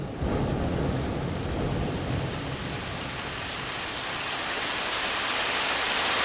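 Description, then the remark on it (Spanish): Low thunder rumbles beneath a steady, dense hiss of rain-like noise that holds evenly for several seconds, with no voices present. “Así es, parece que va a llover, pero pues ahorita contigo está acá medio soleado.”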